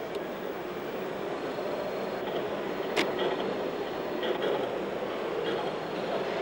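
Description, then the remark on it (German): A model railway train of the MEC Idstein club runs along its track on 1:22.5 scale modules with standard and narrow gauge track, with a steady rumbling rattle broken by a few sharp clicks from the rails. The sound is continuous and even, with no voices. “Der MEC Idstein verwendet Module mit Normal- und Schmalspurgleisen im Maßstab 1:22,5.”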